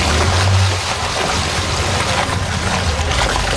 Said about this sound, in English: there is an impressive fleet now bobbing in the water of Toronto Harbour this morning at the Toronto Police Marine Unit